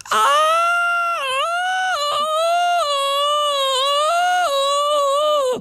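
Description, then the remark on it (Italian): A woman lets out a loud, high-pitched sustained scream, performed as an imitation of tennis player Jasmine Paolini's scream, likened to Tarzan's yell, wavering in pitch over several seconds with a few brief catches for breath, no other sounds around it. “L'urlo di Jasmine.”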